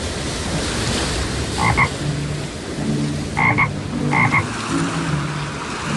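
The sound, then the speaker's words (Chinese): Short, raspy toad croaks arrive in a few brief paired bursts, spaced irregularly over a steady rushing wash of floodwater and wind; no one speaks. “达海这次被变成了一只蛤蟆，他在湍急的水中一下子被淹没，一下子又浮起来。”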